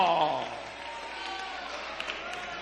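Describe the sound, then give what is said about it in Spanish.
An audience claps in praise of God in the evening, a steady, even patter that starts as a voice trails off at the beginning. The clapping stays at a moderate, unchanging level throughout. “Si Él lo conoce todo, alábelo con un buen aplauso en esta noche.”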